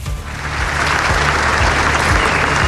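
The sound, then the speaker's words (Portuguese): Sustained applause from hundreds of people in the Alfândega courtyard welcoming President António José Seguro, who arrived on foot to close the Portugal Day celebrations; a dense, steady wash of many hands clapping at once that holds at an even, loud level throughout, with no voices standing out. “Foi recebido com um longo aplauso das centenas de pessoas que foram até ao pátio da Alfândega para o arriar da bandeira.”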